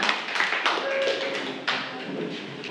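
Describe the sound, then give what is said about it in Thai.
A classroom group claps together for the second student group in a Thai maths lesson, a steady, dense patter of many hands lasting a few seconds at moderate loudness, with a couple of sharper claps standing out near the start and middle. “ปรบมือให้กับกลุ่มที่2ของเราค่ะ”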